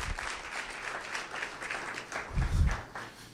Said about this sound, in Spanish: Si va a aplaudir a Dios, dele con ganas hoy.